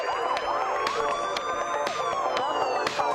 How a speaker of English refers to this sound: I should mention that that siren is in the song. It's not in the car behind you. Should really check songs for sirens before playing them on the radio.